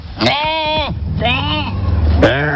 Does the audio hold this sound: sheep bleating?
yes